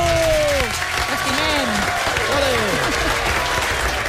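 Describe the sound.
An audience claps steadily in a dense, continuous wash of applause, with whoops and cheering voices rising over it throughout.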